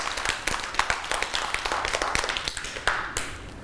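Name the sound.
children clapping hands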